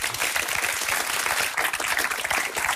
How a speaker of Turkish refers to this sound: Bence yani bu alkış almaz mı?